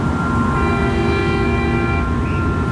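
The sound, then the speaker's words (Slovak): A car horn blares in one long, steady honk lasting several seconds, loud, over a constant low rumble of traffic noise, with no one speaking. “Počuješ trúbenie auta?”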